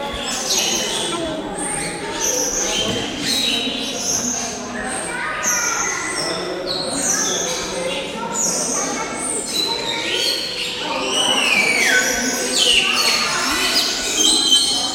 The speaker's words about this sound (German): Ich glaube, es wäre noch ein bisschen zu laut. Das ist nicht so entspannend, ja. Ich hätte, glaube ich, leisigere Vögel.